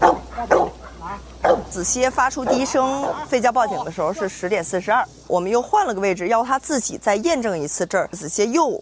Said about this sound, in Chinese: 发出低声，吠叫报警的时候是10点42，我们又换了个位置，要他自己再验证一次。